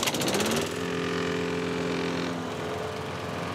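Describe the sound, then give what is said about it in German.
A neighbor's lawn mower engine drones steadily on a sunny day, a buzzing hum with a steady low pitch, louder and harsher for the first half second before settling into an even, continuous running sound. “Sag mal, ich höre euch kaum wegen dem Rasenmäher beim Nachbarn.”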